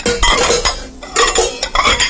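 Busy clatter of a housewife washing yesterday's pots, pans and cutlery, scrubbed and knocked together, with irregular metallic clinks and scraping bursts over about two seconds, no voices.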